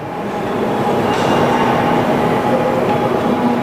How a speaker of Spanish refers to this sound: Los trenes que circulan aquí son diferentes de otras series de Shinkansen. La mayor diferencia entre las dos series es que las W7 están mejor equipadas para soportar grandes cantidades de nieve.